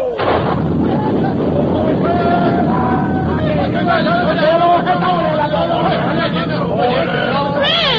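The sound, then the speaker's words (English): A 1,900-foot cantilever bridge is blown up: a heavy explosion rumbles on in a loud, continuous roar, with a crowd of voices shouting and clamouring over it for the whole stretch. “Red! Come here, the boat, Red! You've blown it up!”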